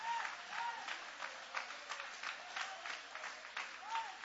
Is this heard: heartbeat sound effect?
no